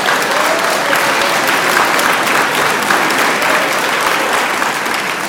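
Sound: applause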